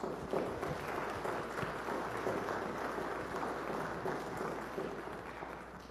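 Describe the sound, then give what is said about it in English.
An audience applauds steadily for about six seconds, a dense, even wash of many hands clapping at a constant loudness with no voices over it. “So I want you to give these guys a round of applause.”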